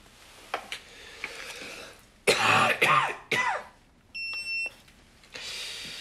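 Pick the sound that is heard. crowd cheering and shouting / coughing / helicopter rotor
coughing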